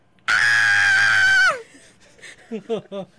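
A woman lets out a loud, high-pitched scream of fright on seeing eyes peering out of a dark gap between a washing machine and the wall, held for about a second before its pitch drops away, followed by a few short, quieter vocal sounds.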